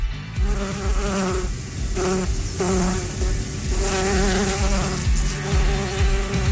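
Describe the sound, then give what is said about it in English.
A dense, loud swarm of angry bees buzzing continuously, many overlapping drones wavering in pitch, with no voices present. “Yes, those angry bees are expressing their emotions because Canadian honey has been hit with a 50% American levy”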